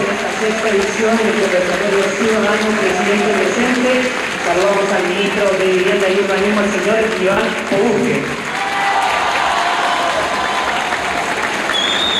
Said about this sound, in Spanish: Hay aplausos por el presidente y una ovación a Iván Poduje